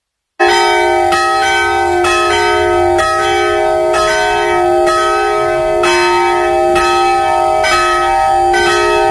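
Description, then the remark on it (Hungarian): Church bells of the Radoscsány Reformed church in its bell tower ring at noon, steadily at a regular rhythm and loud, their strikes overlapping into a sustained, resonant drone with no voices present. “Pontosan déli harangszóra érkeztünk ide a Radoscsányi református templomhoz”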